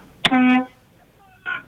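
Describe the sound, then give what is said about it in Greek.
The horn of a Mercedes behind gives a short, steady honk of about a third of a second, loud. A fainter, briefer tone follows about a second later. “Λοιπόν, έχω ένα βλάκα τώρα με 9 μερσεντές πίσω, με ρίπινα χείρες και κορνάρι και κορνάρι και κουνάει το χέρι κάνει δεξιά και κορνάρι.”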